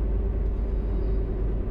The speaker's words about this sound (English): driving east on Jefferson. That's a nice car, right?